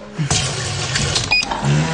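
A coffee machine runs with a steady, buzzing motor whir and low hum, broken briefly by a thin high tone near the middle before the droning resumes, fairly loud throughout.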